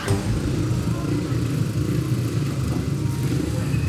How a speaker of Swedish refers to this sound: Den inhemska speedwayen pågår för fullt. Vi närmar oss ett avgörande i solskenet på Sannahets motorstadion i Kumla. 36 för Indianerna, 36 för Lejonen, 13:e heatet.